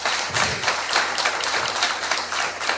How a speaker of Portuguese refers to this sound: A todos vocês a nossa gratidão com uma salva de palmas.